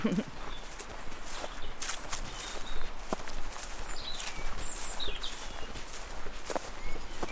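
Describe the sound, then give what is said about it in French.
Footsteps crunch steadily along a gravelly country path, the Chemin de la Pierre Folle at the edge of L'Isle-Jourdain in the Vienne department, France, at an even walking pace, with faint birdsong chirping and a soft outdoor ambience. “Et là, je suis à la sortie de l'île Jourdain sur un petit chemin, le chemin de la Pierre Folle.”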